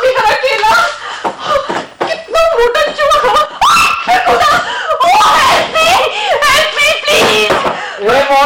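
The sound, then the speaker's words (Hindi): A woman screams loudly in a run of shrill, wavering cries that rise and fall across several seconds, with only brief gaps between the outbursts. “क्या बात है, आप क्यों चिल्ला रही हैं?”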